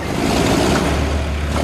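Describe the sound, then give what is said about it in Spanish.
A heavy tractor with a 190-horsepower engine runs in a steady, loud low rumble with a gritty mechanical drone as it moves away in a pressure test on a barrel, holding constant throughout with no voices. “A medida que el tractor se aleja, la presión pasa a 1724 bares,”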